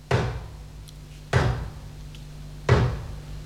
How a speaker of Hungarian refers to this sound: Az ajtónyitás most csapást jövendel.